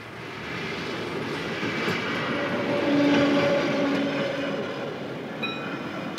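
A train on the München Ost–Perlach line rumbles past the barrier-protected level crossing on Ständlerstraße at the southern edge of Munich, Germany, its steady roar swelling toward the middle, with brief whining metallic tones from the wheels. No one speaks.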